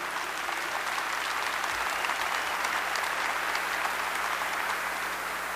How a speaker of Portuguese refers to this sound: Veja sua Bíblia, vamos aplaudir a palavra o mais forte que você conseguir.